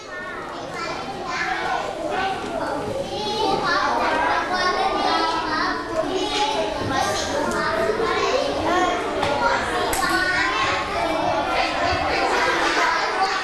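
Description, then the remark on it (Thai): A classroom of students chattering all at once after recording their weight and height on worksheets, a steady, loud babble of overlapping young voices with bursts of higher-pitched calls, continuous throughout without pauses. “เด็กๆทุกคนกลุ่มไหนนะเสียงดังกลุ่มไหนเสียงดังหรือว่าฝั่งนี้หรือเปล่า”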